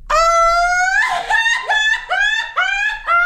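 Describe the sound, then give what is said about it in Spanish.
A loud festive Mexican grito: one voice lets out a long, rising high yell, then breaks into a string of rhythmic, warbling whoops that sound almost like laughter. “Además lo van a sentir muy bonito y muy tradicional porque es de Bosques de las Lomas para el mundo.”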